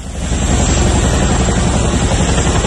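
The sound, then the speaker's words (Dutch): Loud, steady rotor thrum of military helicopters passing overhead in Rotterdam early in the morning during a Royal Netherlands Air Force counter-terrorism exercise, a dense low-frequency roar with a rapid chopping pulse that holds throughout without any voices. “Ja, het geluid van de helikopters die meededen aan een militaire oefening.”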